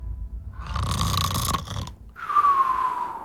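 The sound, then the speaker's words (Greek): A single exaggerated snore performed by a voice, loud: a long rasping, rattling inhale followed by a brief pause and a whistling, nasal exhale. No talking. “Όταν θα το λέω και δεν θα το βάζεις, θα κάνω ότι ροχαλίζεις, εντάξει.”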